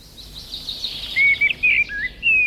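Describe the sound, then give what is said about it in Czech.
A common blackbird sings, with a soft twittering start giving way to clear, fluty whistled phrases in short bursts. No voices are heard, just faint background hiss. “Lidé po poslechu nahrávky uváděli, jakým ten ptačí hlas je příjemný, pak je bodovali na stupnici od 1 do 5 a jak už víme, tak vyhrál kos černý.”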